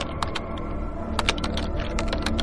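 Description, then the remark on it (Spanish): Quick, irregular clicks of fingers typing on a computer keyboard, with bursts of keystrokes over a low steady background hum and no voices. “Llevas tus manos al teclado y escribes: estoy tan agotado que ni siquiera puedo levantarme.”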